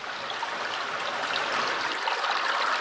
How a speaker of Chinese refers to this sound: 看到小马达离开城区，抵达没有受到污染的小溪上游，我们终于安心了。